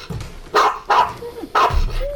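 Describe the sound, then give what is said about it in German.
A dog barks three times in quick, uneven succession, loud, with a faint whine between the barks. “Mach den Hund ruhig oder verschwinde hier.”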